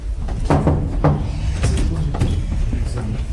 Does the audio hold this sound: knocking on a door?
yes